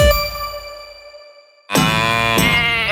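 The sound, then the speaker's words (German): A clear metallic ding fades out, then after a brief silence a sheep lets out a loud, wavering bleat that carries on to the end, with no talking. “Schweinderl, was hast du mit der Kuh, dem Schaf und dem Händel vor?”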